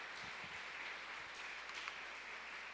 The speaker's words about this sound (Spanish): ¿Y cuánto le damos ese fuerte aplauso a nuestro Dios?